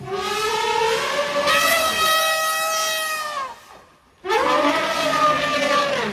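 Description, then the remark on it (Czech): An elephant trumpets twice through its trunk, loud brassy blasts rich in harmonics with wavering, gliding pitch, separated by a brief pause. No other sounds accompany the calls. “Sloni pomocí chobotu vydávají různě intonované zvuky.”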